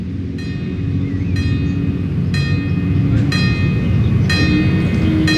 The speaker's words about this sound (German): Dann gehen die Schranken hoch. Genau, und dann hört das Bimmeln auf.